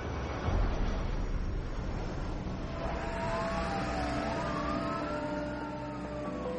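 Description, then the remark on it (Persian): An ambulance siren wails over steady road rumble, its rising and falling tones sweeping in from around the midpoint and growing clearer, with no voices present; the ambulance carries the Shah of Iran and his wife, under Texas security forces, to Wilford Hall military hospital at Lackland Air Base, Texas. “کمی بعد از فرود هواپیما نیروهای امنیتی تکساس شاه و شهبانو رو سوار بر یک آمبولانس به سمت بیمارستان نظامی ویلفرد هال در پایگاه هوایی لکلند میبرن.”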